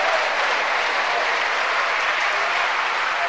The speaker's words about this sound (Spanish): ¿Cuánto le dan un aplauso a la misericordia de Dios?